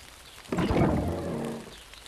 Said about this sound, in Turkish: Yağmur şiddetleniyor. Ne kadar da çok yağmur yağdı. Birazdan her yeri toprak kokusu sarar.